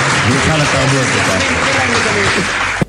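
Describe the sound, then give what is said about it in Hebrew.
Steady, dense audience applause inserted as a sound effect fills the whole stretch at a loud level, a continuous wash of many hands clapping, with faint murmuring voices underneath before it cuts off abruptly. “פה אנחנו נכניס מחיאות כפיים של קהל במקום אחר.”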